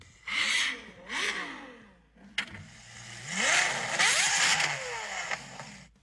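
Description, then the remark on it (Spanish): A Ferrari sports car engine revs hard in a few loud bursts, each rising sharply in pitch, then builds into one longer, howling climb before settling back down. “¿El primero es Ferrari? Sí.”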